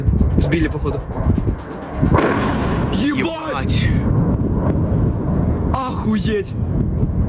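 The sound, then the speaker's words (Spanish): Explosions from a Ukrainian drone attack near the runways of Sheremetyevo airport in Moscow boom and rumble through constant low background noise, with a couple of heavier bursts a few seconds apart while voices talk over the scene. “Cerca de las pistas del aeropuerto de Sheremetyevo, lejos de las terminales, se produjo una explosión.”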